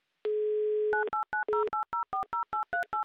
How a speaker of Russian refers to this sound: прямо сейчас набираю ваш номер телефона. Поехали.